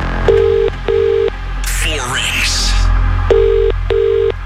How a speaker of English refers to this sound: We're making this call right now. And if this is you, you'll need to tell us today's winning amount and you must answer within 5 rings. One ring. Two rings. Three rings.